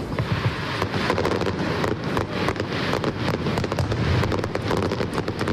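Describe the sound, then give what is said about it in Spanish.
A loud, relentless fireworks finale barrage by the Uruguayan pyrotechnics company Supernova, at night in Bilbao: dense bangs and crackles firing in rapid succession for several seconds, layered into a continuous roar with no pauses and no voices. “Esta es la traca final de anoche de la pirotecnia uruguaya Supernova, que ayer se estrenaron y con éxito además en Bilbao.”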